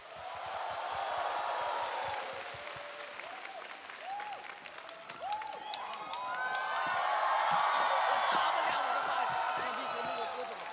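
A crowd applauds steadily while shouts and high whoops of cheering rise over the clapping, swelling louder again toward the end of the stretch.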